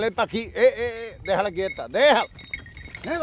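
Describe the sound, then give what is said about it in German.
Several sheep on El Hierro, guarded by a shepherd and his dogs, bleat in quick, overlapping calls, their wavering cries loud and clear, with a faint metallic clink of a bell in the background. “Pech gehabt, es gibt nur Schafe.”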